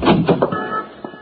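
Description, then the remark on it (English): A door is unlocked and opened: a few quick metallic clicks and rattles, a short creaking slide, then two softer clicks as it settles. No one speaks. “Yes, and so is this one to the street.”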